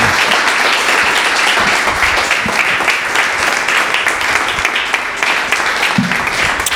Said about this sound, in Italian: Fate un bel applauso ai nostri tre relatori.